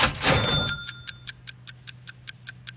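A short bright musical sting gives way to a game-show countdown clock ticking steadily, about five crisp ticks per second, over a low electronic hum with no voices.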